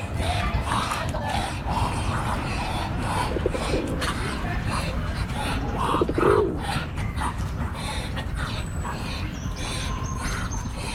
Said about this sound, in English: Zoom in on the animals. I want pigeons cooing, and a really disturbing breathing from the ducks.